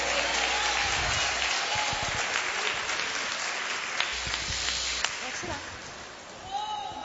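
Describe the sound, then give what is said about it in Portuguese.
A church audience claps hands in praise of the Lord, in sustained, dense applause that stays steady and loud for about seven seconds, with a low hum and some voices mixed in beneath the clapping. “Palmas que louva o nome do Senhor.”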